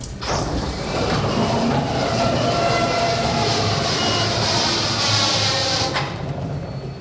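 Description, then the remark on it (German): A large factory roller door at Rubner Holzbau GmbH, south of St. Pölten in Lower Austria, rolls open with a steady, loud rumbling grind and a thin metallic whine, lasting about six seconds before stopping. It sounds much like a passing train. “Was nach Verkehrslärm klingt, ist doch eine Tür.”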